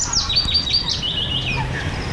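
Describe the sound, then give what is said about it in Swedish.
A common chaffinch sings in Björke, Ostrobothnia, Finland, in the Kvarken World Heritage area as the day grows light, a bright, rapid trill of high descending notes that runs into a flourish, clear over a low background rumble with no talking. “Ja, men inte ett ljud, ingen det här en bofink sjunger, konstigt nog, fast ja.”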